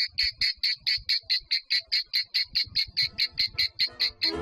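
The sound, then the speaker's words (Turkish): Cicadas buzz in a steady run of rapid, shrill pulses, roughly four per second, evenly spaced, with a faint low rumble underneath and no voices. “Ağustos böceğinin yaşam döngüsü böyle sürer gider.”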